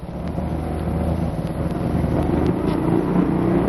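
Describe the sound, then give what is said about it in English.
A motorcycle engine roars loudly and steadily at high speed, opened up wide in sixth gear at about 70 on a dead-end street, its dense drone swelling slightly toward the end with no voices. “We were on a dead-end street, and I wanted to pass him going fast, so I opened it up wide in sixth gear, going about 70, even though the road ended.”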